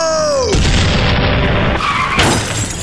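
A descending whistle gives way to a loud, sustained burst of crashing, booming cannon fire from a ship bombarding a car on a highway, followed by a harsh screeching skid as the driver is thrown out of the car, all intense.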